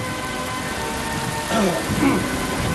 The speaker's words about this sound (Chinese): 到底是防水村的人，下这么大的雨，没有一个人走。天上在下雨